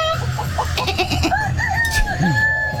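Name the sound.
rooster crowing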